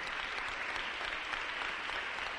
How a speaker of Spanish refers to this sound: Démosle un aplauso fuerte al Rey. Gloria a Dios. Aleluya.